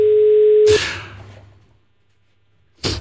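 A steady, mid-pitched telephone ringback tone on an outgoing call hums for under a second, then cuts off into a loud noisy burst that fades out, followed by another short burst of noise at the end.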